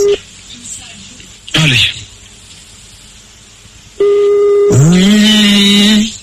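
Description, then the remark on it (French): A telephone line sounds a loud, steady electronic tone near the end, after a quiet stretch broken by a short burst of sound, as a number is dialed. “Le numéro de téléphone est composé, allez.”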